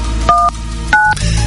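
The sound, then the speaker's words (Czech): Three short telephone keypad tones beep in quick succession as a call is dialed on Hit Radio, each a crisp dual-pitch chirp, fairly loud over a low background hum with no talking. “Tak, vytočíme.”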